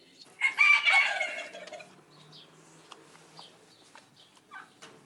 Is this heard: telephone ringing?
no